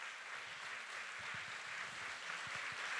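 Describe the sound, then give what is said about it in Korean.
An audience applauds the performers of a traditional Korean dance performance steadily in a soft, continuous wash of clapping with no voices, a few low thumps surfacing under the patter. “함께해 주신 분들께 박수 한 번 더 부탁드려볼까요?”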